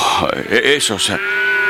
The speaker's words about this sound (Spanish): ¿Qué significan entonces esos balidos de ovejas y esos bramidos de las vacas que oigo?